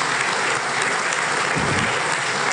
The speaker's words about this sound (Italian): Ci ha invitato a fare un applauso che noi abbiamo fatto molto volentieri